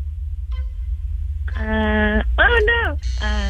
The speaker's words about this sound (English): Okay, buzzer went off.